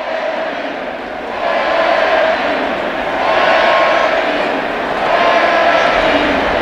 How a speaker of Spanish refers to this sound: Es la ovación de la noche para un Pedri que lleva ya con España 6 goles